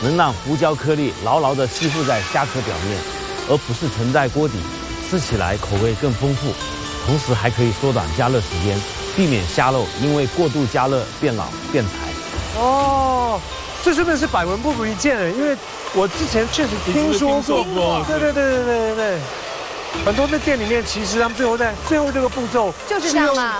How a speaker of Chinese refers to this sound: 吹吧，来，这个虾都没想到它有这个待遇。用吹风机做干汤汁。